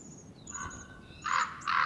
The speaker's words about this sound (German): Sie sind die eigentlichen Eroberer der großen Schlucht. Kolkraben. Die cleveren Vögel werden aktiv, sobald sie einen Kondor im Canyon erspähen.